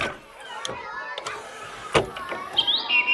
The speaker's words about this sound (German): So schön singt die Amsel. Da kann die Krähe nicht ganz mithalten.